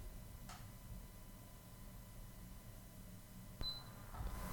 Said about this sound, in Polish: Było słychać piknięcie, teraz trochę więcej hałasu, bowiem ten komputer jest nieco starszy i ma nieco gorszą kartę dźwiękową.